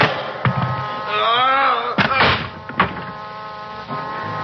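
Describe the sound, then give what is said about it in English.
A heavy meat storage room door with a large, cold handle is heaved open, with several dull thunks and a drawn-out, wavering creak in the middle, fairly loud, over a steady low background drone. “Behind me, I felt a large, cold handle. The door to the meat storage room. I heaved it open.”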